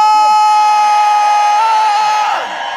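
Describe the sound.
A large concert crowd at the Lunario in Mexico City, during a live radio broadcast, screams and cheers in a loud, sustained roar, with shrill voices and whoops rising over a dense wash of noise that begins to fade toward the end.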